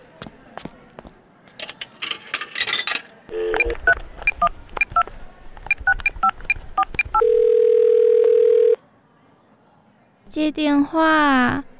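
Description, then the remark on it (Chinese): A burst of rapid telephone keypad beeps is followed by a single long, steady ringback tone with no answer. A voice briefly comes in afterward. “出发前，我想再打一通电话。”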